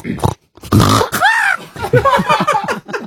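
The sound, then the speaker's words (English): A person vocally imitates a pig stubbing its toe, with loud snorting grunts and a rising squeal, followed by a rapid run of choppy oinks and a higher squawky note at the end. “Okay, so I would like you to be a pig that that stubs its toe.”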